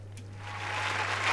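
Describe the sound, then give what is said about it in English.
A crowd applauds to thank donors: dense, continuous clapping from many hands that swells steadily louder over a low, constant hum, with no one speaking. “And we can clap as well.”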